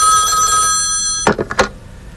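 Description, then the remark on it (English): A hotel room telephone in Milwaukee rings late at night with a steady, bright electronic tone that stops abruptly, followed by a few sharp clattering knocks like a handset being picked up. The ring is fairly loud. “Alone in my hotel room late one night, I had just gone to bed when the phone rang.”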